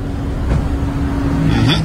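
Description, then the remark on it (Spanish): A car engine hums steadily, its low tone shifting slightly as the car slowly maneuvers and parks in a large parking lot, with a brief higher whir near the end. “El carro se estacionó allí.”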